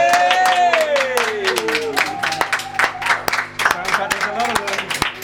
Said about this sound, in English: Maybe our engineers might open the door and do the usual, where I ask them to lend their applause to the live performance.